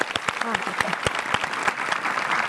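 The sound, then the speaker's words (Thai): Steady audience applause, many hands clapping in a dense, continuous patter with sharper individual claps poking through, loud throughout. “แต่เก่งมากเนาะจากที่ติดมาหลายปีสุดท้ายแล้วหนูหยุดมาได้2ปีเต็มใช่ไหมขอเสียงปรบมือหน่อยครับ”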